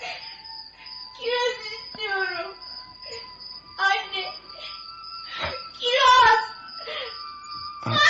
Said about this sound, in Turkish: Dur. Bir çocuk ağlıyor galiba. İşitiyor musun? Hayır efendim. Dinle bak.